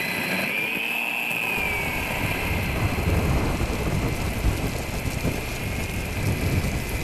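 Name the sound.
rain falling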